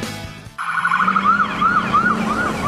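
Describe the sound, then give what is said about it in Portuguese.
An ambulance siren in Mato Grosso wails in a steady rising-and-falling pattern, cycling about every half second over a low engine rumble, starting abruptly after a brief quiet moment. “Imagine precisar correr para salvar uma vida, mas o caminho é cheio de buracos. Em Mato Grosso, quem está na ambulância não pode perder tempo enfrentando estrada esfarelando e cheia de buracos.”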